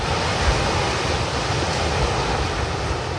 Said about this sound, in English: That's one of the sounds of my summer, early morning waves at a patch of public sand at South Walton Beach in Florida.